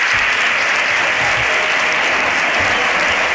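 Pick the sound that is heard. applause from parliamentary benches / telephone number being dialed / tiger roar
applause from parliamentary benches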